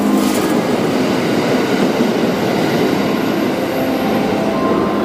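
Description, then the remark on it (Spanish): A modern Japanese limited express train of the Kanazawa–Osaka route rumbles along at steady speed, a continuous loud roar of wheels and motors with faint rhythmic clatter, without any voices. “es el nombre del tren Limited Express más moderno que circulaba entre Kanazawa y Osaka.”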